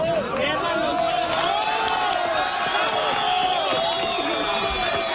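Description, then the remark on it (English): A crowd in Colombia cheers and shouts continuously as a woman is pulled out alive after more than 36 hours trapped in earthquake debris, many voices overlapping in a loud, excited roar with rising whoops and calls throughout. “Crowds cheer as a woman is pulled out alive after being trapped in the debris for more than 36 hours.”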